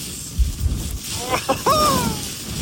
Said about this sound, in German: allein wenn ich diesen Wind höre, da könnte ich mir schon wieder die Jacke anziehen